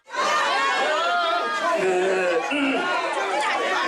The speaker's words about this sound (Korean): 그런데 윤석열 전 대통령 탄핵에 찬성했던 조경태 의원이 등장하자 일부 참석자들이 야유를 보냅니다.